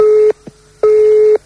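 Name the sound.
telephone ringing tone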